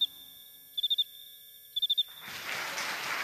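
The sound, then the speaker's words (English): A male cricket chirps twice by stridulating, raising its front wings and rubbing them together so the scraper of one strokes the file of the other. Each chirp is a quick burst of four shrill pulses over a steady high trill, before a broad rushing hiss takes over. “The cricket raises his front wings and, with a movement called stridulating, rubs the two wings together.”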